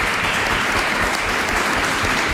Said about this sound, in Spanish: Bueno, estáis aquí, habéis llegado a la final y os merecéis un fuerte aplauso también por este debate.